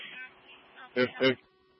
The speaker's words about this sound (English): If you dispatch me, Animal Patrol to my station, I have a duck that's been struck by a vehicle, and the occupant pulled over to 29 for assistance. The duck is actually stuck in the front hood, correction, the front grill of the vehicle.